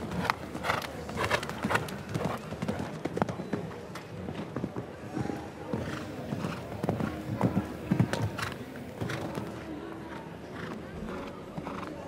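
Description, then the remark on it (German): Horse hooves pound across arena ground during a show jumping round, a steady, rhythmic series of dull thuds, clear over a faint background murmur. “Hier ist das Pferd einfach zu tief gesprungen.”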